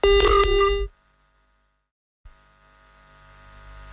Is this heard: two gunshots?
no